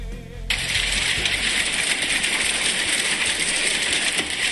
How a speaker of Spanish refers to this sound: Me encanta el sonido del granizo. Escucha.